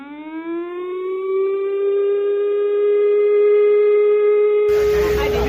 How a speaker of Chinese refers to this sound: 下午2:30，警广台中分台今年首度在频道上配合播放演习开始的警报声。